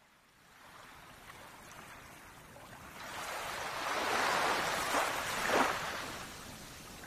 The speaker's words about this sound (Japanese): 目を覚ますと、僕は自分がいるこの部屋が海のそばにあることが分かった。優しい波の音と独特な潮の香りがしたからだ。